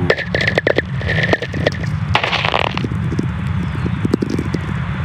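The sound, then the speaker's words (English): Whistler radio tones caused by lightning, recorded by Stephen McCreevy in a Nevada desert: crackling static full of sharp irregular clicks, with faint gliding tones sweeping downward in pitch beneath the noise. A steady low hum runs throughout, and no one speaks. “You hear these short, mysterious, gliding tones?”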